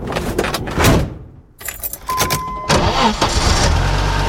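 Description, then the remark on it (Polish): Keys jangle briefly, then a car engine cranks and turns over, settling into a steady low idle that rumbles on. No one speaks. “Nie ma problemu. Mamy samochód.”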